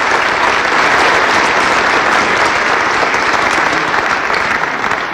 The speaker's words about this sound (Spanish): Un aplauso a todo el gabinete, es parte de estos grandes resultados.